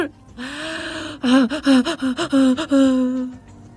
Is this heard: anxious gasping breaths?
yes